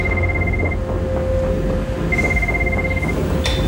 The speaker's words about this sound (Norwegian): Vi fikk en telefon fra kontrollrommet. Det motormann som ringer på den interne telefonen.